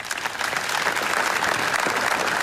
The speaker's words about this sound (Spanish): Hoy, segundo día de duelo oficial, se ha guardado un minuto de silencio marcado por la emoción y el dolor y roto por un largo aplauso.